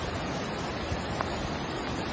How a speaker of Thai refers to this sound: เย็นเมื่อวานนี้ครับในพื้นที่ท่าตะเกียบมีฝนตกหนักลงมาทำให้เกิดน้ำป่าหลากลงมาซ้ำอีกครับ